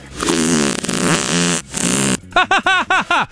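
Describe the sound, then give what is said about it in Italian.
A loud, drawn-out fart buzzes for about two seconds with a wavering, raspy pitch, then five short, rising-and-falling tonal puffs follow in quick rhythmic succession. “Ha sentito che bomba che mi è uscita dal culo?”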